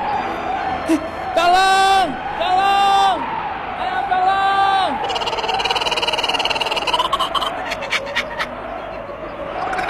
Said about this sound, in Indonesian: Di saat Yongki berteriak minta tolong, dengan sekejap ular raksasa itu menelan Yongki hidup-hidup.